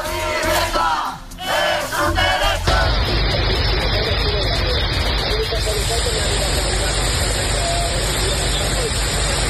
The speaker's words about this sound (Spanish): Será el sonido de la tromba de agua que ha caído en Cataluña. Hasta ahora sigue la alerta excepcional por las lluvias que han descargado con mucha fuerza y que han superado los 200 litros por metro cuadrado en apenas unas horas